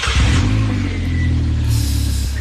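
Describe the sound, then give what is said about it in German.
A motorcycle engine revs loudly, its deep throaty rumble climbing in pitch and then settling, continuous for a couple of seconds with no voices. “Mama sagt, ich darf keinen Motorradführerschein machen, weil das sehr gefährlich ist, Motorrad zu fahren. Dabei ist das Geräusch schon gut, ne?”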